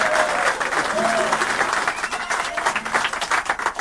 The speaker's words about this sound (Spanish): Vamos a dar un aplauso para él.